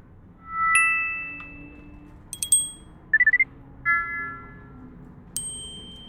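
An old phone SMS notification tone: a sequence of bright electronic chimes, including a sustained beep, sharp metallic pings and a quick four-note trill, played alone against a faint background hum.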